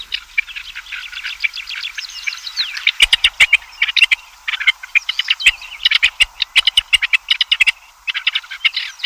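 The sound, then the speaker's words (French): Harsh, grating partridge calls repeat in a dense, rapid chatter, joined after a few seconds by loud, sharp clicking bursts in an uneven rhythm. No voices are heard. “En Chine, comme en Europe, on a remarqué le désagrément du cri de la perdrix.”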